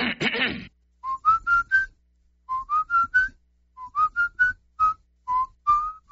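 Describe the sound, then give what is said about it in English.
A whistled tune, learned in church, in a radio advertisement for a car dealership in Union City, Tennessee, in clear, pure notes, phrased in short groups of rising and falling pitches with brief pauses between phrases, preceded by a short burst of noise at the start. “I have a lot of people tell me they hear me whistling on the radio.”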